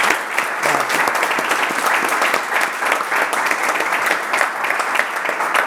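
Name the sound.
applause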